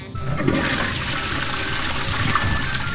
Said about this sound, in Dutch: Ach, maar dat is toch... Dat is toch geen kanon? Dat is toch geen gewoon kanon? Nee, het is echt een waterkanon.